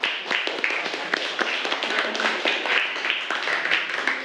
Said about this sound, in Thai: ขอบคุณมากค่ะปรบมือให้กับเพื่อนคนแรกของเราค่ะ